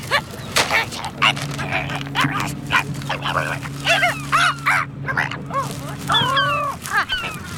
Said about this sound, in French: Le goéland argenté essaye d'éventrer un sac poubelle, mais il a quelques difficultés.